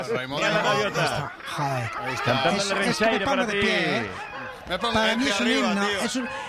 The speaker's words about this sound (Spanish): Escucharlos los gaviotas es un himno para mí.